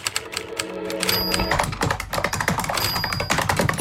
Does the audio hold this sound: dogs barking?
no